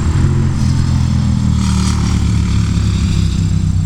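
A loud, steady low engine rumble of motorcycles going by on Old Maple Road, droning continuously throughout with no talking.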